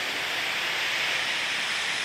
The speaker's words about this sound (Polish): Silna wichura, 75 do... O. Nie, ja bym przynajmniej dał takie świszczące te odgłosy wiatru, bo dokładnie.